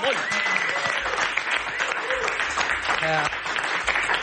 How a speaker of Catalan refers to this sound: Campiona del món, aplaudiu-la, sisplau. Bravo.